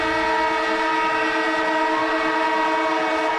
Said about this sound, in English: And the siren goes off, which means Cameron Ling, AFL legend, ABC sports commentator, is in the house with some breaking news, Lingy.